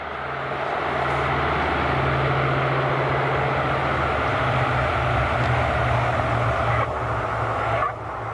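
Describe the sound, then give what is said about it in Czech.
A loud, steady airplane engine drone as the plane arrives, a low humming tone that shifts slightly in pitch, like a propeller plane, sustained throughout with no voices. “Tak letadlo je tu, Ušoune.”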